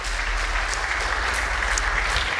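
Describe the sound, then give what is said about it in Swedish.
Steady applause from an audience at a church service, welcoming a guest preacher: a dense, even wash of many hands clapping at constant loudness for the full stretch, with no voices over it. “Ska vi ge honom en varm applåd?”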